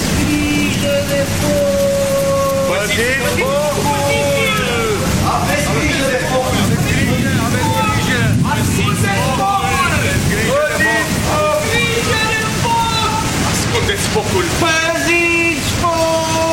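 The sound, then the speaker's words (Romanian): Heavy rain of large, dense drops pours down in a loud, steady hiss, with agitated voices calling out to hide the fire over the downpour throughout. “Focul ardea binefăcător, iar triburile se încălzeau la flăcări, când, dintr-o dată, a început să cadă o ploaie cu picături mari și dese.”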